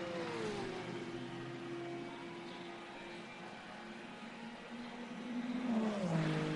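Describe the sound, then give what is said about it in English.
An Akkodis Lexus GT3 race car's engine drones with a steady, buzzy pitch, then swells louder near the end as it passes across the line, its note sliding lower. No one speaks. “Across the line, the GT3 car in there.”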